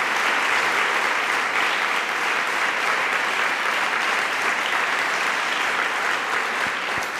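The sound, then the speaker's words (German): Sustained applause from a large audience for Jürgen Boos, a dense steady patter of many hands clapping at even loudness for several seconds with no voices standing out. “Ich freue mich wirklich sehr über Ihren Applaus für Jürgen Boos.”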